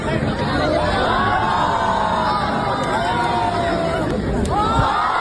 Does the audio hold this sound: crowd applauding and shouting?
yes